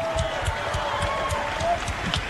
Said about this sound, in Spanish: Fuerte ese aplauso para él.